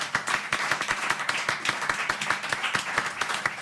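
An audience breaks into applause, a dense wash of many hands clapping steadily at a moderate volume for several seconds, with no voices rising above it.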